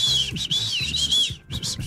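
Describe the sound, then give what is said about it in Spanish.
A loud, shrill emergency whistle, kept in an emergency kit for calling for help, blown in several sharp blasts, with a brief pause before a final burst. “Un silbato en caso de pedir silbato. Ayuda. ¿Sí ven? Un silbato.”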